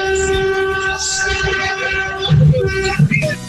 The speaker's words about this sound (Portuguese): Acabou o nosso buzinaço. Foi legal. A gente faz um pouquinho do buzinaço. Não dá aquela prolongada, né? Mas foi legal, foi muito bom. Parabéns, pessoal que buzinou legal com a gente aí.